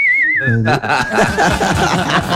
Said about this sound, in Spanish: Hoy canta el himno de México. Miren a ver si tiene hoy. Bueno, esa... No, va a cantar el himno de México. Va a silbar.